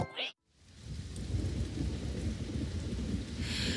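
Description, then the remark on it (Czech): A low, rolling rumble of thunder swells in after a brief pause and carries on steadily over a constant hiss of rain falling outside, fairly loud. “Venku pršelo a doma moju nic nebavilo.”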